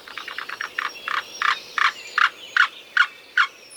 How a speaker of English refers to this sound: And here's the black-billed cuckoo.